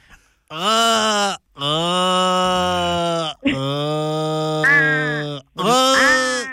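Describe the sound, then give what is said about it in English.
A person imitates an Australian crow with four long, drawn-out nasal wails, each sagging in pitch at the end, loud and harmonically rich with short pauses between. “Before we wrap this up, I'm pretty good at doing the Australian crow.”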